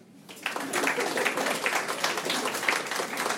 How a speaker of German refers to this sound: Wer ist alles Deutsch? Applaus.